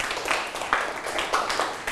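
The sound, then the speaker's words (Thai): Students clap together for a classmate who answered correctly in a lesson, a steady, dense patter of many hands, moderately loud, sustained throughout without any talking. “มีจุดคอจุดถูกไหมถูกต้องปรบมือให้เพื่อนนะครับ”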